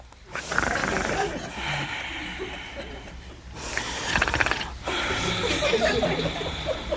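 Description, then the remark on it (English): A voice imitates Adam snoring as he sleeps, with a few long, raspy inhale-and-exhale snores in a row. Each is harsh and breathy, with no other talking. “And he was snoring.”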